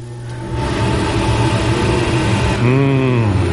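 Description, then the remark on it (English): An electric fan clicks on and settles into a steady, loud motor hum with a broad whooshing rush of air, its tone wavering and rising slightly near the end. “Ooh, let me turn on the fan.”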